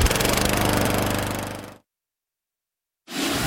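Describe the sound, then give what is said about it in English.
A Gravely lawn mower engine roars loudly and steadily, cuts off abruptly into about a second of silence, then starts roaring again. No one speaks. “Take your lawn mowing up a notch with a Gravely.”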